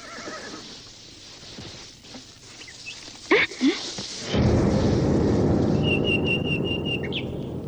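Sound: horses neighing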